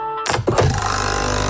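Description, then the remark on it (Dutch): A Nespresso capsule coffee machine brewing a Nescafé Roastery capsule starts up with a short mechanical clunk, then settles into a steady, rapidly pulsing pump buzz, fairly loud, with no voices. “Ah, dat is het geluid van de nieuwe Nescafé Roastery voor jouw Nespresso-machine.”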